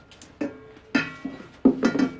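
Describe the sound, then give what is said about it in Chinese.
Dishes clink and clatter as they're washed, with several sharp ringing knocks of plates at irregular intervals and no voices. “啊，洗碗。”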